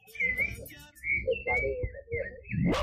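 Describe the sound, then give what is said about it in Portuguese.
A rufous-bellied thrush sings a string of clear, fluty whistled phrases, each sliding slightly in pitch, over a steady low rumbling background. “Tá pedindo chuva, o sabiá.”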